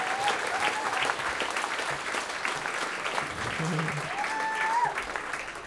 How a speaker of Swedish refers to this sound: Ja, en till applåd